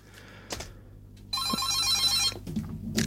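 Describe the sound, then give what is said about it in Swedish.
An old-style telephone bell rings in one sustained, rattling burst of about a second, loud, with faint background noise and brief clicks before and after. “Ja, då tackar vi för beviset att telefonlinjen fungerar.”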